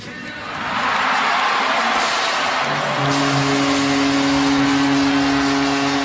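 Hockey fans in Toronto, watching the draft on the big screen at the Scotiabank Arena, erupt into loud cheering after the announcement that their team chose Gavin McKenna. The cheering swells within a second and holds as a dense, sustained roar, with a steady low horn-like tone joining halfway through.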